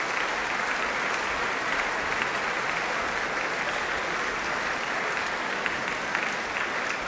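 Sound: concert audience applauding enthusiastically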